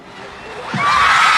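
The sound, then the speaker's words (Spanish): A crowd of fans in Lima, Peru screams and cheers as band members greet them, the noise swelling quickly from a murmur into loud, high-pitched shrieking that fills the space by the end of the short moment. “No, los griteríos increíbles.”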